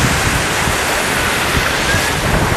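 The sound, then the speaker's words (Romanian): Steady, loud wind, good for kiting, rushes across an open seaside, blending with a constant roar of surf and some microphone buffeting, with no voices and no pauses. “În schimb, vremea a fost perfectă pentru kiting. E chiar perfect, e ce trebuie. Trebuia vânt un pic mai tare, dar e ok și așa, e bine.”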